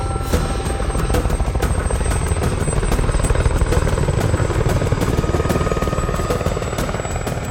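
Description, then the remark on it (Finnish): Loud, steady noise of Boot's helicopters landing in RUF territory with a supply delivery, a rapid rotor chop throbbing continuously, the heavy engine drone filling the whole stretch without pause, unchanging in level. “Muutaman viikon päästä Bootin helikopterit laskeutuu RUFin alueelle.”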